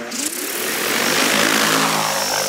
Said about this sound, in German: Diese Aussaattechnik ist neu in der Landwirtschaft. Statt mit schweren Landmaschinen das Feld zu beackern, fliegt Anfang August eine Drohne über die reife Sommergerste auf einem Versuchsfeld der Schwäbischen Alb.